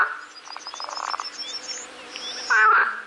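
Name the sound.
frogs croaking loudly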